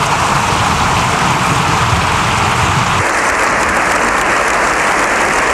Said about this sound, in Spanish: Un aplauso unánime, con todos los diputados en pie, un aplauso que ha durado 7 minutos. La verdad es que ha sorprendido la ovación por la contundencia y por ver una imagen a la que lamentablemente no estamos nada acostumbrados.